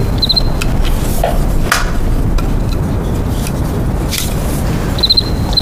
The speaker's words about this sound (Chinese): 哎，蛐蛐，哎，来来来，我看看。哎呀，这玩意好玩，那玩起来可着迷啊！